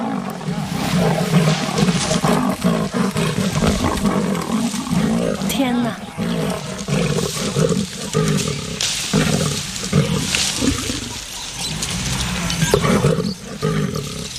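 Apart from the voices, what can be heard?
lion and leopard fighting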